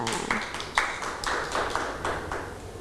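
A group of children clap together in a dense, uneven patter of overlapping hand claps, with a few sharper claps standing out, lasting a few seconds at a moderate level.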